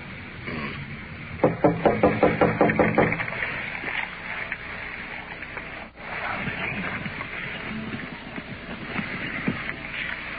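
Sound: knocking on a door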